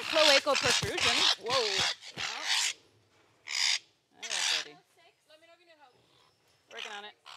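parrots squawking

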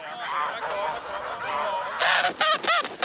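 geese honking

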